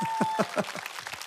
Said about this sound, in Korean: 다시 한번 박수 주십시오.